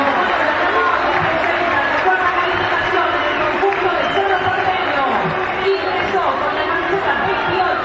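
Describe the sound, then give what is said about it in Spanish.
A large stadium crowd applauds player Cecilio as he is substituted off, a steady, dense roar of clapping and mingled chatter that holds evenly throughout, sounding broad. “Se fue Cecilio. Aplaudido mayoritariamente.”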